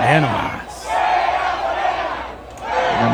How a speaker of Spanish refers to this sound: Escuche, esto es en la glorieta de Pancho Villa en Chihuahua. A ver. También... Al grito de fuera Morena, celebran chihuahuenses el triunfo de la selección mexicana en la glorieta de Pancho Villa.